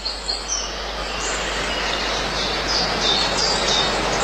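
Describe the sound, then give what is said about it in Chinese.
Faint, scattered bird chirps and calls ring out high above a steady, dense rushing noise, like wind or running water, in the mountain forest by Shijiang village near Anning, Kunming, on a clear summer day. No one speaks. “天气晴好，空山鸟鸣，捡菌是夏日昆明人特有的娱乐活动。”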